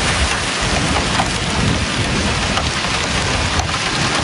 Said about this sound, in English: You hear the torrential rain, the horizontal winds that are gusting in excess of 100 kilometers an hour.